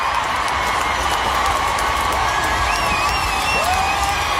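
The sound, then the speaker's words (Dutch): A large concert crowd cheers and applauds continuously for at least a minute for a performer who choked on his water and lay on the stage, a dense, loud wash of clapping with whistles and shouts rising out of it throughout. “Dit applaus duurde minstens een minuut.”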